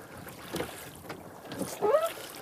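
Oars dip and pull through water a few times in a slow rhythm, close by, with sloshing and splashing between strokes and soft wind noise in the background. No one speaks.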